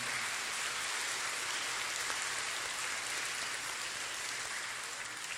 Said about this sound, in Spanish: Hermanos y hermanas, tenemos cumpleañeros este domingo. Queremos felicitarles con un fuerte aplauso.